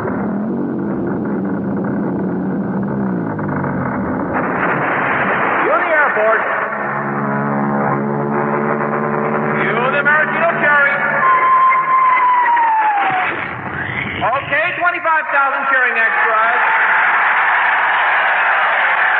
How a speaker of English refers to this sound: I want the 700-foot mountain of whipped cream to roll into Lake Michigan, which has been drained and filled with hot chocolate